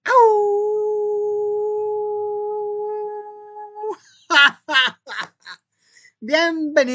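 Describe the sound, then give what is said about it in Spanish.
A person imitates a howl: one long, steady, fairly loud wail held for about four seconds, then trailing off as someone starts talking. “Vamos a ver si ahorita ya agarro desprevenidas a mis cuerdas vocales y sale un buen aullido.”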